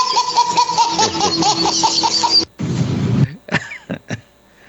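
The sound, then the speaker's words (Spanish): Hearty group laughter fills the first couple of seconds, then gives way to a rough, harsh coughing fit from a person who has a cough and was made to laugh, followed by a few short, sharp coughs before it fades out. “Ay, no hagan reír tan temprano, hombre, que traigo tos.”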